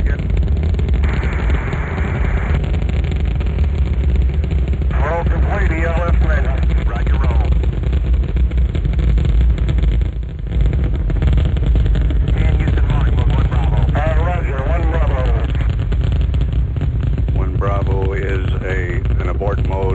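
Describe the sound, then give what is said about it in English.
A deep, continuous roar of rocket engines at liftoff rumbles loudly and steadily throughout, 49 minutes past the hour after an ignition countdown, with radio-like voices speaking intermittently over the thunderous noise. “Liftoff. We have liftoff 49 minutes past the hour.”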